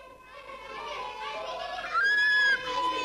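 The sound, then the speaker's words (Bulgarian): Children chatter and play on a street at six o'clock in a busy, overlapping murmur, a ball rolling into roses, then a girl screams at the top of her voice, loud, high and sustained for about half a second, before the playful noise carries on. “Тръгвам аз в 6 часа, както си му е ред, и на улицата гледам, другарката Сийка държи двама хлапаци за ръцете, едно момиче пищи, колкото му стига глас, една топка се търкаля в розите.”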